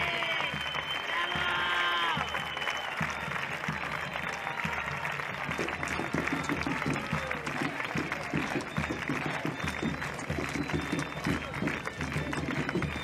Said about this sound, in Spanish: ¡Es aplauso para ellos!